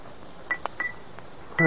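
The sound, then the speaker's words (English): A silver pencil taps a rose crystal bell four or five times in an uneven rhythm, each strike a short, dull tick that dies away almost at once, followed by a brief louder clatter at the end. “Suppose I tap it with this silver pencil. That ought to make it ring.”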